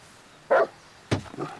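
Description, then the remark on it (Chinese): A large wolfdog kept in a courtyard barks loudly, one sharp bark followed a moment later by a deeper double bark, with no talking around it. “哎呀，可不是嘛，这我平时都不敢来，就怕他院里那条大狼狗。”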